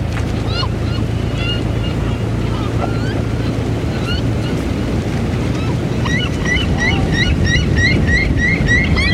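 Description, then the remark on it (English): Steady rushing water of the river Loire fills the scene, with a low boat engine droning underneath for the first several seconds, while birds chirp repeatedly in the background, growing busier toward the end. “Can you see the Loire? Rivers are roads that move.”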